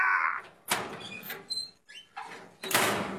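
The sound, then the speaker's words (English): A heavy metal door squeals on its hinges and slams shut, with several clanging, echoing thuds and short metallic screeches in quick succession, loud, with no talking. “The second sound's a very distinctive metal closing door.”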